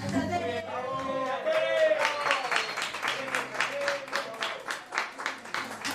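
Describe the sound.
An audience breaks into steady applause, many hands clapping in a dense, even patter that holds for several seconds, with a few voices calling out as it begins.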